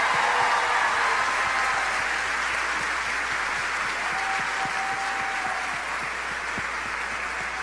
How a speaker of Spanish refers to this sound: Vamos a darle un fuerte aplauso a nuestra Madre Santa.